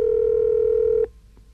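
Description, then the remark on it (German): A telephone ringback tone over the line, calling a listener's home in Hannover: one steady, fairly loud electronic beep lasting about a second, then cutting off into near silence. No one speaks. “Bei Ihnen klingelt jetzt das Telefon.”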